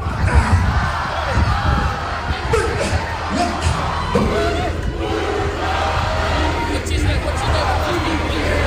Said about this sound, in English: There was a beautiful, you know, haka when the team bus arrived as well. Is that a cue? Yeah. Is that a cue for me to play the haka? Yeah, okay. Listen to the crowd.